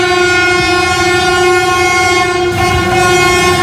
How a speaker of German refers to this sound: Okay, also das war jetzt der zweite Zug, der ICE. Der hat es ein bisschen spektakulärer gemacht. Da waren die BauarbeiterInnen wieder am Start und haben gewunken. Das war ganz sweet. Und dann hat er auch ein bisschen gehupt.